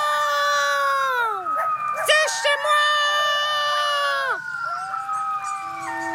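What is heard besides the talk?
coyote howling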